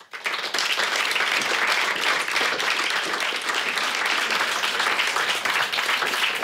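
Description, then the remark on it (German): Sustained audience applause for a speaker, a mechanical engineer, just introduced before her talk, a dense, steady wash of many hands clapping at even loudness from start to finish, with no voices rising above it. “Und jetzt bitte Applaus für Silvia Budai.”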